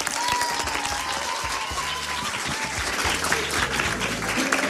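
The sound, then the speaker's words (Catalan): A room full of people claps steadily for the Institut Mediterrània team at a school radio contest final, a dense, sustained wash of applause filling the whole few seconds with a faint tone and some low murmuring underneath. “Va, un fort aplaudiment també per l'Institut Mediterrània.”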